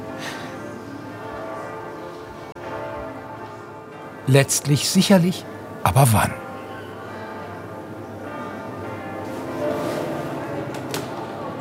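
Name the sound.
church bells ringing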